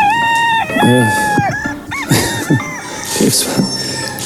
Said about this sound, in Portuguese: Está o galo a cantar, está o galo a cantar.